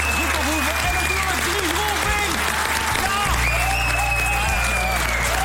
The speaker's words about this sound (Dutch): Geef een applaus, dames en heren.